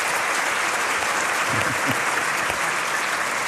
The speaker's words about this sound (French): Franchement, on peut les applaudir parce que c'était déjà pas mal, comme début.